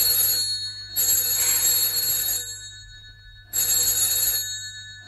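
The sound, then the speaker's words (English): A telephone rings loudly in long, shrill bursts separated by short pauses, about three rings in all, with no one speaking. “Well, aren't you going to answer it?”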